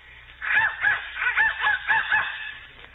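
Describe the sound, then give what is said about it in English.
A whistle is blown in a quick series of about seven honking, goose-like blasts, each a short nasal rising-and-falling squawk, fairly loud, with no talking. “Who's blowing that darn whistle in here?”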